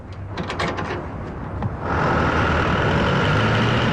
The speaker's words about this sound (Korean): 한목진의 트럭이 창고를 빠져나가고 있을 때 장사꾼들에게서 달마다 관리세로 상납금을 받아가는 건달 두목 셋째가 멀어져가는 트럭을 요심히 쳐다본다.